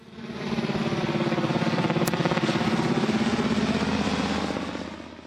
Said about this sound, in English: Chopper. You are very clever. Yeah, helicopter. Another name for helicopter is Chopper, the wonderful Eric Banner biopic of Chopper Reed.